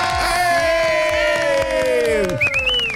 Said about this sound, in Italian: Perché vi stavamo chiamando da Porto Sant'Elpidio e sono circondato da tantissimi ragazzi che vogliono salutare tutti gli ascoltatori di Radio 2 con questo applausone.